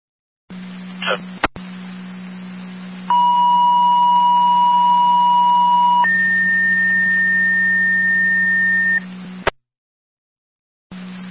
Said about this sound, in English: additional tones for MS call with South Bolton